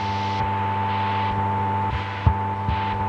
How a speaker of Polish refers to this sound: I teraz mamy tutaj dwie tak zwane diatermy, jak to się mówi w języku CB radiowym. O, to są te diatermy. A co to jest właściwie? Do czego to służy? Do niczego. To jest zakłócenie.